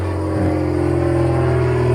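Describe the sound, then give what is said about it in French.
A small airplane from the small airport at La Mole drones steadily and loudly, a low buzzing hum with layered tones that dips briefly in pitch early on, then holds even with no voices. “Des bruits d'avions, si vous. Il y a un aéroport par ici?”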